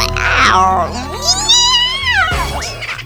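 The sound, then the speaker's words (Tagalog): A cat yowls loudly after its tail is stepped on, a strained, wavering cry that rises and falls in pitch over about three seconds, ending in a sharp screech over a low steady background hum. “Natapakan mo yung pusa”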